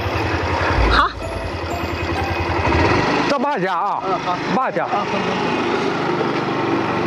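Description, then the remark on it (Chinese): A motorcycle engine runs steadily and loudly throughout as it carries riders up a mountain among Sichuan pepper trees, a continuous droning rumble, while a few people exchange short remarks over it. It is the rider's seventh motorcycle, ridden daily. “您平时就是骑摩托车上山吗？”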